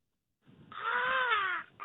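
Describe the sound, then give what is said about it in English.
A man imitates a vulture with one drawn-out, raspy caw, loud, rising then sliding downward before stopping abruptly. “Give me a vulture sound.”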